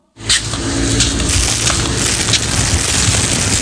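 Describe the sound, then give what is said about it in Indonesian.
A single plastic cup is crushed, a loud, dense crackling and crinkling that starts abruptly and keeps going steadily for over three seconds, with no voices. “Ya elah, cuma satu gelas plastik doang, ribet amat sih.”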